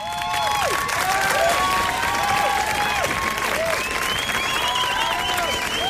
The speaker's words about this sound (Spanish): Toda la estación se pone en pie para aplaudirla.